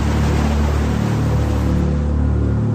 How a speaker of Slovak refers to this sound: Voda strhne plot a vleje sa do záhrady.